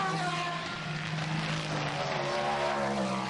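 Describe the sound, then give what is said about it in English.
Several prototype race car engines roar steadily, a dense, loud blend of high-revving tones and shifting harmonic whines as a pack of prototypes streams past at the start-finish line, with no voices over it. “And here comes the hordes of prototypes as well.”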